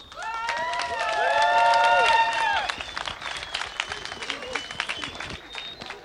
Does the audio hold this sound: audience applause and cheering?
yes